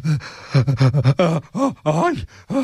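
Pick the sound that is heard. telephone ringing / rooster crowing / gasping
gasping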